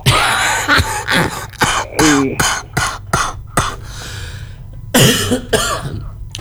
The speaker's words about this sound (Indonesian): Kenapa aku datang kok langsung batuk? Dari kemarin saya batuknya.